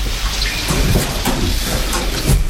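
Steady, heavy rain hisses continuously with scattered patters of drops and a low rumbling undertone during a thunderstorm, with no voices present.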